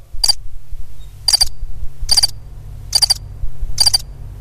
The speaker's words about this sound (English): And as we were nearing the end of the course, daylight was breaking through and the birds were singing. Isn't that lovely? I've got some birds somewhere. I've got some birds somewhere.